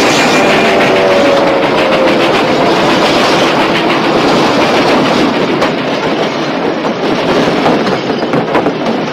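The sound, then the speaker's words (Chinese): A train thunders by on a railway bridge, a loud continuous roar of rumbling wheels with a rapid clattering rhythm on the rails and a faint high squeal early on. “然后画面里，他们四个继续不停地拼命地向前跑着。跑在一列火车的前面，而终于化险为夷。”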